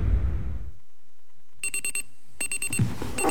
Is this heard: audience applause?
no